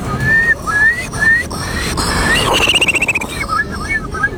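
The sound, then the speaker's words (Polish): A person whistles an imitation of a Eurasian curlew at the third Polish Championships in bird imitation, held in front of the Palace of Culture and Science: a few rising, fluty whistles, then a fast bubbling trill of repeated notes climbing higher, followed by more short whistled calls. “Numer popisowy to będzie Kulik Wielki. Brzmi on mniej więcej tak.”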